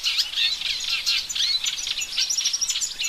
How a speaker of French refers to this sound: Et voilà une autre rousserolle, c'est la rousserolle effarvate. Elle, pour elle, c'est, le chant est un ensemble de notes répétitives et de sifflements.